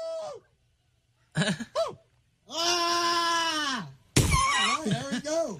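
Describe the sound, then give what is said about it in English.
A person at a Bigfoot calling contest imitates a Bigfoot call: a short falling whoop, two quick yelps, a long loud sustained howl that drops at the end, then a burst of rough, wavering hoots. “61 adults competed for the title of the best Bigfoot call.”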